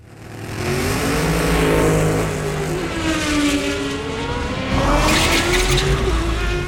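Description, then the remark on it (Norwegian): A race car engine roars loudly and continuously on a racetrack, revving up and down through gear changes as it speeds along very fast, with a burst of tire noise near the end. “Sånn kan det nemlig høres ut når en drøm går i oppfyllelse, i alle fall om drømmen din er å kjøre bil veldig fort på en rasabilbane.”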